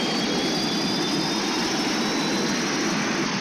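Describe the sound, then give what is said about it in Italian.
A loud, steady roar of aircraft engines running at full power as the aircraft loses power, a dense continuous drone with a thin high whine running through it, unbroken with no voices. “Stiamo perdendo potenza. Motori al massimo.”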